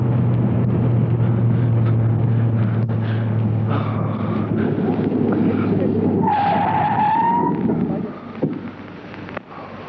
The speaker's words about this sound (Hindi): तुम अचानक रुक क्यों गए? तुमने तो गाड़ी भी बंद कर दी।